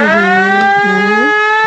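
A loud sangu siren blares continuously at departure with a rich, buzzing tone, holding a steady pitch before briefly dipping and swooping back up near the end. No voices are heard.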